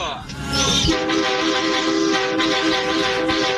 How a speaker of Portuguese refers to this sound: Nossa, que buzina feia, mano. Buzina feia, hein?